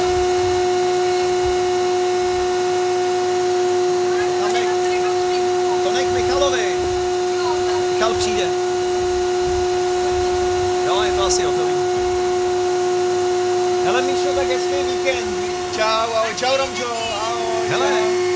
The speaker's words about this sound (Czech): Máš ten vysavač